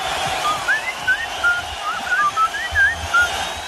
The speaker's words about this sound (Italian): in questo caso era proprio … che fischiettava